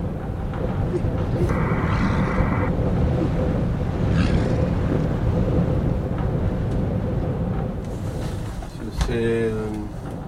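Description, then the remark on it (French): Strong wind roars steadily around a wooden cabin in Igloolik, Canada, facing the sea ice: a dense low rumble that never lets up, with a brief higher whine partway through and a short creaking, tonal sound near the end. “Le vent, toujours le vent, dans la chambre en bois, la cabane en bois, au Canada, à Igloolik, devant la banquise.”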